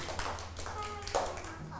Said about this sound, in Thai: ผิดครับ ผิดครับเอาปรบมือให้